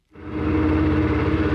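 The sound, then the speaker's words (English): A local fisherman's motorboat engine starts up and runs at a steady, loud drone as he takes his boat over clear blue waters to a fishing spot, its low rumble holding even after a quick rise, with no voices present. “a local fisherman, takes his boat out to his favorite fishing spot.”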